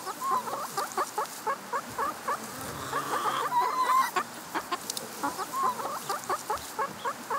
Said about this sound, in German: Nee, das ist halt ein Huhn.